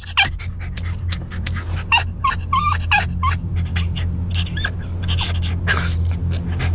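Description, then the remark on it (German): A dog left in a car pants rapidly and whines in short, strained bursts, sounding distressed as it suffers a fatal heatstroke, over a steady low hum like an idling engine or car interior. “So hört es sich an, wenn dein Hund einen qualvollen Hitzetod erleidet.”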